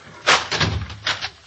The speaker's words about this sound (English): All right, lock that kitchen door.